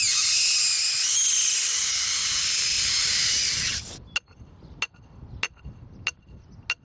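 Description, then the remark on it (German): A loud, steady rush of helium gas hisses into a balloon on a cornfield for about four seconds, then cuts off abruptly, followed by five sharp metallic knocks spaced roughly evenly as a metal rod is knocked into the ground. “Die Ballons füllt er mit Helium, damit sie in die Luft steigen.”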